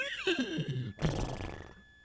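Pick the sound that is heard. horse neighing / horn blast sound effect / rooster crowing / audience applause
horse neighing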